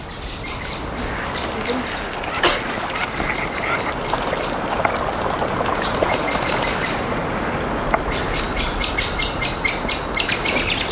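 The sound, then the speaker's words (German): A chorus of birds, including a blackbird, chirps and sings continuously outdoors on the way to a ferry, bright overlapping calls layered over a steady rushing background noise, with a few sharper calls standing out now and then. “Oh, die Vögel.”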